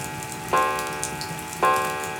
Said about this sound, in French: Mais seul le tic-tac de la pendule rythme le repas du soir.